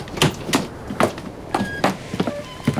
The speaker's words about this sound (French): Là, capitaine. C'est la pompe qui fait ce bruit-là.